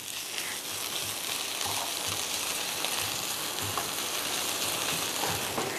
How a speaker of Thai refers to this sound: อยากให้เห็ดที่เอาไปเหมือนคั่วกระทะเนี่ยค่ะหอมซะก่อนหน่อไม้ที่ซอยไว้ก็ลงได้เลย